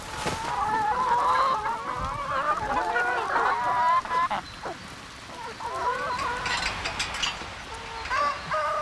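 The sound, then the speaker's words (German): A flock of the family's 450 chickens on a farm clucks and squawks continuously, a dense overlapping chorus of mid-to-high pitched calls with occasional sharper cries, steady and fairly loud throughout, with no talking. “Sie kümmert sich um die 450 Hühner der Familie.”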